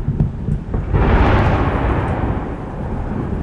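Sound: missile strike explosions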